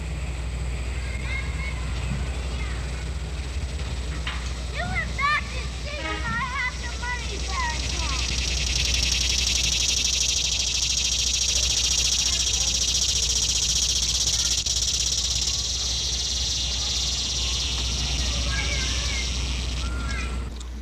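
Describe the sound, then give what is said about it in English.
A typical cicada's loud, steady shrill swells in after a few seconds and drones continuously to the end, with scattered bird chirps early on and a low rumbling hum underneath. “The shrilling of the cicada is loud and common in late summer. Here is a typical cicada now.”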